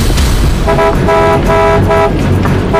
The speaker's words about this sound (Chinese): 闪开！听不见喇叭声吗？闪开！闪开！